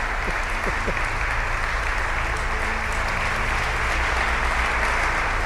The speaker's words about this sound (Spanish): Un aplauso para ella, que me está diciendo que no, pero solamente falta que diga que no.